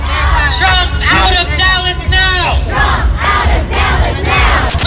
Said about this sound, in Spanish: La marcha está organizada por la asociación Dallas contra la agenda de Trump. Los manifestantes gritan en contra de la administración del presidente.